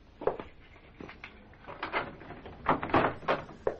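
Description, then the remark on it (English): A series of clicks and metallic clunks as a complicated security lock is worked and a door is pulled open, the sharp rattling bursts coming in quick irregular succession. “Oh, you certainly have a complicated lock on that door.”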